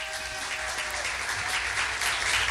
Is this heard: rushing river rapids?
no